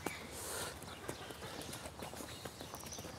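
Hooves of several donkeys clip-clop steadily in an uneven, overlapping rhythm as they walk in a relaxed way over hard ground, with a soft rustling background.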